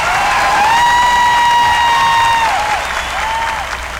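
A crowd applauds steadily with dense, continuous clapping, while a high, sustained cheering tone rises and dips above it before the applause eases slightly toward the end.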